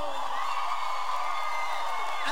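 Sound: audience shouting and cheering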